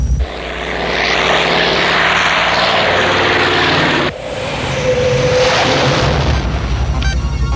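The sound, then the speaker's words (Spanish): Aircraft turbine engines being switched on roar loudly and steadily with a dense, whining rumble. The sound dips sharply for a moment midway, then surges back up and keeps running. No one speaks. “Enciendo turbinas.”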